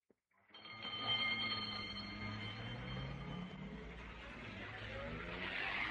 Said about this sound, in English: The ambulance drove off to the local hospital. Dr. Mason followed in his own car.